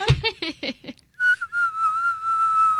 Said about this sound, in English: Can you whistle?